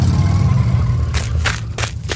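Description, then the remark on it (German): A car engine rumbles low and steady as the vehicle slowly pulls away with very little throttle, with a few short gritty bursts, like tires on gravel, toward the end. No voices. “Aber jetzt hör mal zu, wie er losfährt. Mhm. Es ist ein ganz langsames Anfahren, keine Verfolgung.”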